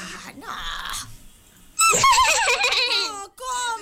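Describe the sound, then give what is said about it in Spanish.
A loud, high shout in a shouting contest with a wavering, whinnying pitch, a person's voice imitating a horse's neigh, rising sharply after some quieter voices and lasting over a second. “¿Y ese caballo qué fue?”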